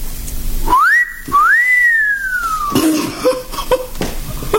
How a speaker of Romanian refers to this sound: De ce râdeți? De fluieratul dumitale admirativ. E mult mai admirativ decât vă închipuiți.